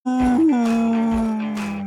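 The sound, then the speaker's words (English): A dog, Fleroy of radio station 95.9 The Big Dog, lets out one long, loud howl, holding a steady pitch after a brief early rise and fading slightly over about two seconds, with no talking. “95.9, The Big Dog. That's Fleroy, Big Dogs.”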